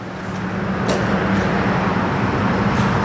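Dense, very heavy afternoon road traffic on the road to Greece near Simitli, Bulgaria, rumbles steadily past, a constant low roar of engines and tires with brief higher whooshes as individual vehicles go by.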